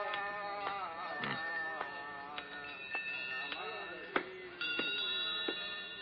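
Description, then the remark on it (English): Many bells ring together in the shop of a thousand bells in a bazaar, a dense wash of bright, overlapping sustained tones punctuated by repeated sharp strikes that keep renewing the clamor throughout. “Welcome to the shop of a thousand bells.”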